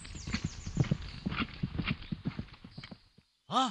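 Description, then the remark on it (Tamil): Steady clip-clop of the Ashvamedha sacrificial horse of the king of Ayodhya trotting for a few seconds, then a brief pause and a short, sharp whinny from the horse at the end. “என்ன இது, குதிரை அரச மரத்தில் அல்லவா கட்டப்பட்டுள்ளது?”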